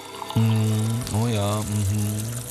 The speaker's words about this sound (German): Ja, unbedingt. Ich gieße den Tee auf.